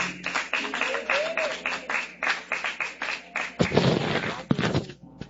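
A church audience claps together to welcome the pastor during a service, in a dense, lively burst of applause lasting several seconds, with a few heavier thumps near the end and voices faintly mixed in beneath the clapping.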